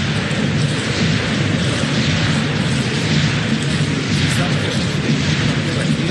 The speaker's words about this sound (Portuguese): A torcida está agitada aqui no campo do Palmeiras, no Nubank Park.